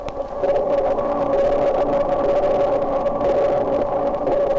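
Dolphin echolocation clicks, slowed down 32 times, and their echoes off underwater objects merge into a loud, steady droning buzz with a prominent mid-pitched tone and a faint rapid pulsing texture, continuing without pause and with no voices.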